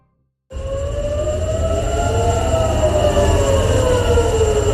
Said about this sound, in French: Des sirènes que l'on entend qui ont retenti à nouveau ce matin à Tel Aviv. Après 2 mois de cessez-le-feu, les attaques directes ont repris depuis hier entre Israël et l'Iran.